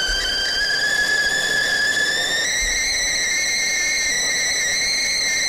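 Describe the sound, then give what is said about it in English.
A kettle whistles loudly and continuously, a shrill multi-toned squeal that steps up slightly in pitch partway through, over a low rumbling hiss of boiling water. “But let me make mine right now. Get that kettle going.”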